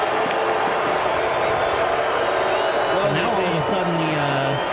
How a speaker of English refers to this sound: Sparse crowd is making a noise. This is as loud as they've been all night, and there's not very many of them here. The supporters section, okay. The rest of the place, vacant.